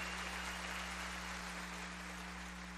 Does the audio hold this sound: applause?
yes